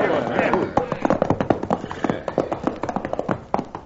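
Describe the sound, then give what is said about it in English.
Several horses' hooves clatter in a quick, uneven clip-clop, the sharp beats continuing steadily as the riders rein up and come to a halt, with voices faintly underneath. “we're running these horses to death and getting no place.”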